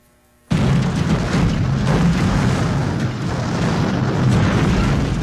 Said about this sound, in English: Uh-oh, was that the air conditioner? Or is the house trying to launch into space?